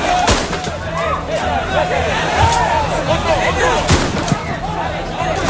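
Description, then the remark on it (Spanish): Two sharp, loud gunshots fired into the air by the National Police crack out about three and a half seconds apart over a dense, agitated crowd clamor of many shouting voices. “Son los disparos al aire por parte de la Policía Nacional, y es que las escenas de tensión se repiten cada tarde-noche.”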